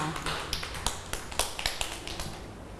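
A group of children clap their hands in a quick, uneven patter of many sharp slaps, moderately loud and close, with no one speaking.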